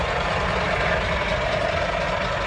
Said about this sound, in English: I'm on the Mahi Mahi Road, which is the long, winding truck route from Nairobi to Naivasha that curves around the Great Rift Valley.